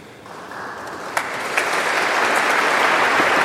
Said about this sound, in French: Voilà des applaudissements pour dire toute la joie du peuple de Dieu réuni en la primatiale Saint-Jean-Baptiste au cœur du Vieux-Lyon pour voilà encourager ces deux nouveaux prêtres